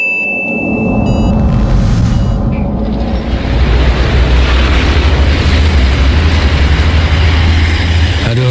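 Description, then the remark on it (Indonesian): A loud, steady rumble of a parked car's engine left running with a window open, idling with a heavy low-end drone and rough mechanical texture running continuously for several seconds. “Itu kok ada mobil mesinnya nyala, tapi orangnya seperti sakit ya.”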